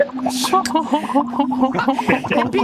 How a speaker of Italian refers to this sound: mentre tu parli con me c'è qualcuno che fa le bolle con il latte?